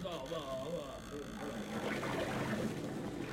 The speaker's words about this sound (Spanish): Los mozos, tirando de la soga, sacan la jaula del agua.